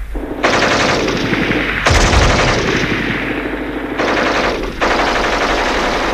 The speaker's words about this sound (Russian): Немцы вдруг начинают пальбу. И мы добрых 15 минут лежим, уткнувшись в землю носами.